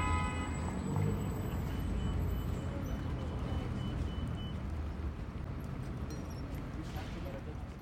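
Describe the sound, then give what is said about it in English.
Steady rumble of busy city street traffic on five lanes around City Hall at the intersection of Broad and Market in Philadelphia, a dense continuous wash of engines, with a few faint tonal beeps early on and indistinct voices mixed into the din. “Because City Hall is sitting directly on top of the intersection of Broad and Market, the two most central streets in Philly, the building itself is its own big square island, and all around it are five lanes of traffic.”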